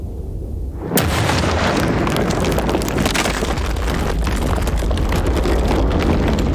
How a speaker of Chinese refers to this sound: 这座当时中国最重要的飞机制造厂被他的建设者亲手炸毁。